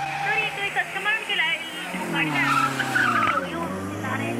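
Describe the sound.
A car that is out of control skids with a long, wavering tire screech that holds steady for several seconds. It is loud, with an engine rumbling underneath and a voice faintly audible beneath it.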